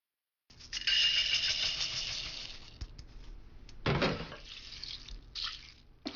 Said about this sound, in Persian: برنج رو خوب بشورید و اون رو توی آبکش بریزید. بگذارید به مدت 10 دقیقه در آبکش بمونه و سپس اون رو درون قابلمه بریزید.